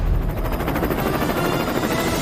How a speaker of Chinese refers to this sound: 我们已经听见远处有马达的声音。 第一位飞行梦想家的登场方式有些特别， 直升飞机已经穿越了我们前方的这座高塔，目前正在稳稳地准备降落在我们的场地中心